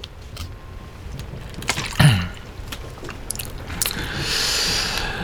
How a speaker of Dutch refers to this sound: Een slokje water lijkt me een goed idee.